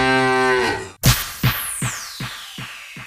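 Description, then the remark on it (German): A single drawn-out cow moo, full, slides downward in pitch, then breaks off into a sharp thump followed by a string of fading, evenly spaced knocks. No one speaks. “Sich für Milchprodukte eine eigene Kuh in der Wohnung halten?”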